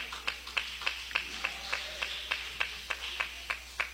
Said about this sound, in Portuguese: Pode se assentar e adorar a Deus com palmas de vitória, aleluia.